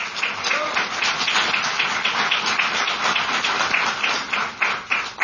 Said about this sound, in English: So give Lunar Outpost a round of applause. Congratulations.